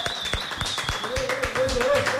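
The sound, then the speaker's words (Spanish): Applause on 89.7 Tropicana radio welcoming Carlos Cuevas, vice-presidential running mate of Santiago Botero: a run of sharp, fairly quick hand claps that stay loud throughout, with steady sustained tones humming underneath. “Y yo creo que todos ustedes, recibamos con un fuerte aplauso a la fórmula vicepresidencial de Santiago Botero, Carlos Cuevas.”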